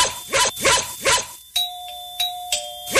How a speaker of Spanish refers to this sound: ¿Te gustaría que te vuelva a tocar timbre?